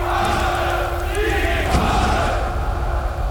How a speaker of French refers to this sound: Une foule incroyable s'est mise en route, venant de partout. Des colonnes d'hommes et de femmes au coude à coude s'avancent en brandissant des petits drapeaux rouges à croix gammée